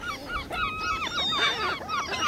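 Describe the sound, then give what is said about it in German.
A flock of seagulls calling over one another on an island, with repeated harsh, rising-and-falling cries overlapping continuously. No voices are heard. “Danke an alle Möwen.”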